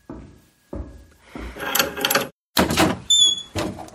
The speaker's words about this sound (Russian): Дверь долго не открывали, наконец послышались приглушенные шаги.